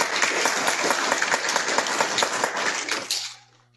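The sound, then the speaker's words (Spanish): A crowd at an event at the Hilda Candioti school claps loudly and steadily for about three seconds, a dense patter of many hands, before the applause quickly fades out, leaving a faint low hum. “Fuertes aplausos para todos que vamos a iniciar este bonito momento.”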